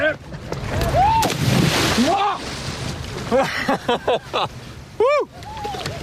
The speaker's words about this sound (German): Also ich nehme jetzt das Board mal. Und ich jetzt mit ein bisschen Schmackes, ein bisschen mit Schwung jetzt gleich rein ins Wasser. Und das Board gerade halten.